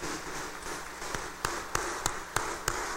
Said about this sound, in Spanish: fuerte aplauso de felicitación.